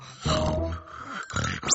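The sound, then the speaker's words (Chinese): A father snores loudly at night, two rough, rattling breaths in a row, followed by a brief rising whistle at the very end. “求求你别再打呼噜了。”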